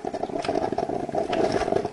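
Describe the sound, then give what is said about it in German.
A coffee machine gurgles and sputters steadily for a couple of seconds, a bubbling, rattling churn with irregular little bursts over a constant low hum. No voices. “Ja, das Gluckern der Kaffeemaschine.”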